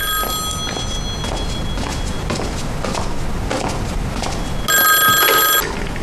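A telephone rings with a bright, metallic bell: a brief ring at the start, then a louder burst near the end, over a busy background of clattering and shuffling steps.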